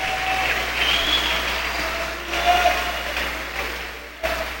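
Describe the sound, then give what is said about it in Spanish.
Steady, dense applause from a church crowd for God the Father keeps up for about four and a half seconds, a thick wash of clapping with faint cheers or calls mixed in, briefly dipping just before the end. “Un aplauso para el Padre.”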